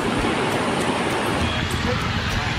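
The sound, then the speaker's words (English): The swollen Tons River roars past in spate after the first rainfall, a loud, steady rush of churning water, a dense continuous wash of noise with no pauses for the whole stretch. “This is the first rainfall that this bridge was observing, and so far it is constructed on the famous Tones River, which is flowing in spate.”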